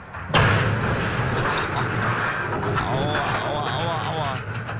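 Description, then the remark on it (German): A sudden heavy crash kicks off a sustained roar of scraping, grinding and rumbling that stays loud for several seconds, with faint voices mixed in beneath the din, as a cargo ship at low water rams and tears off a jetty in Unkel on the Rhine. “Ja, so klingt es, wenn ein Frachtschiff bei Niedrigwasser einen Anleger rammt und abreißt.”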